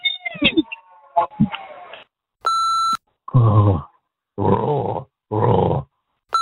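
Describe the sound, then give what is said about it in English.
A person imitates a lion's roar in three loud, growling bursts, celebrating a Brisbane Lions win, preceded by a brief electronic beep and some whiny, meow-like vocal sounds. “Roar.”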